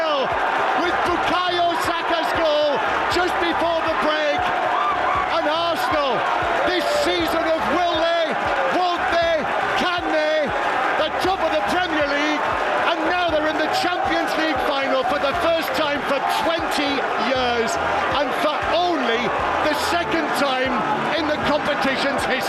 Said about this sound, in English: The delirium in North London at the final whistle as Arsenal beat Atletico Madrid 1-0 at the Emirates, 2-1 across two legs.